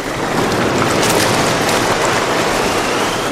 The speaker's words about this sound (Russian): Берег был опоясан широкой пеной и дрожал от ударов валов.